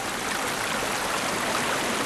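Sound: rushing mountain stream water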